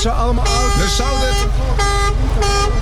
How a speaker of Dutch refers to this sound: Mensen kijken. Toeter, hoor. Iedereen kijkt hier. Ze horen de toeter. Ze horen jullie toeter.